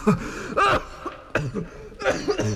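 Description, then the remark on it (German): A man's harsh coughing fit: four rough bursts in quick succession with strained, raspy breaths in between, no talking. “Ich will doch nicht vom Husten sterben.”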